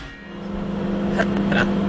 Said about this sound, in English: And as soon as the microwave starts, you can hear it scrambling the signal.